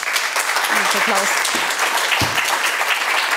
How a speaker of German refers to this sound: Applaus.